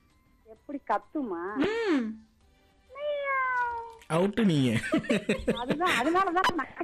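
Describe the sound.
A human voice imitates a cat on request, giving two drawn-out, wavering meows, followed by a loud burst of laughter and lively chatter from several people.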